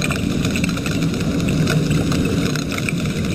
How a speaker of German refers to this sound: So klingen Pistolenkrebse, wenn ganz, ganz viele von ihnen zusammenkommen. Mit dem Sound machen sie ihrem Namen alle Ehre.